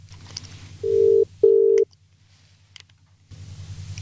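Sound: telephone dialing a call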